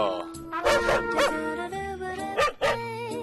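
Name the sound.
puppies barking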